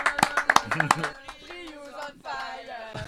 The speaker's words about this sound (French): Donc on peut vous applaudir une dernière fois. Bravo. Merci beaucoup.